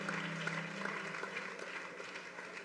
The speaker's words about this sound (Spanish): Pues dale gloria. Démele un aplauso a Dios.